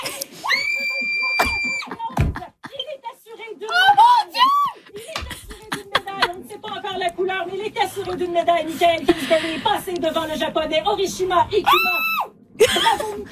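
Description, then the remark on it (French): A group of people, in a Radio-Canada studio and at home with family, scream and cheer in wild celebration at Michael Kingsbury's moguls score at the 2026 Winter Olympics, overlapping high-pitched shrieks and shouts, with excited voices and some giggling mixed in throughout. “Ça crie pas juste en studio, on entend la famille!”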